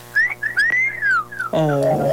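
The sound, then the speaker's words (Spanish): A person imitates by voice the rising-then-falling wolf-whistle catcalls young men whistled at someone walking by in shorts, in a few sliding bursts, then starts talking briefly at the end. “Que le estaban chiflando al baldo”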